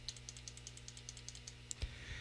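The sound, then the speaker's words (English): A computer keyboard typing sound effect: rapid, evenly spaced, about a dozen light key clicks in quick succession, ending with one heavier keystroke thump, over a faint steady low hum. “Just be careful and don't do something silly as you're typing away on the keyboard. I didn't realize my keyboard sound effect was that long.”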